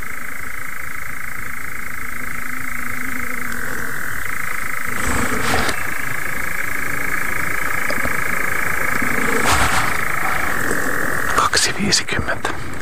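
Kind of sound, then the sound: animal, moor frog chorus croaking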